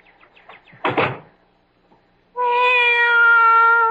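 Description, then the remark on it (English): A few faint little chirps and a brief rough burst of noise, then a cat lets out a loud, long, steady meow that holds without breaking until the end. No one speaks. “Be quiet, cat.”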